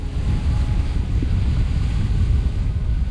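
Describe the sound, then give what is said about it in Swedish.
Strong, icy wind blows steadily across a hilltop on the island of Fjuk, a continuous low roar buffeting the microphone with gusty rumble and no voices throughout. “Vinden uppe på höjden blåser fullkomligt iskall.”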